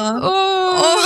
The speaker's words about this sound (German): Jetzt muss ich weinen, scheiße. Oh. Entschuldigung.